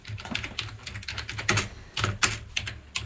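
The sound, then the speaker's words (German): Rapid typing on a computer keyboard as the word 'Gamelan' is entered into a search, a quick irregular run of clicky keystrokes with a few sharper taps standing out, heard on its own without any talking. “könntest du vielleicht einfach Gamelan eingeben oder soll ich dir helfen, Gamelan zu finden?”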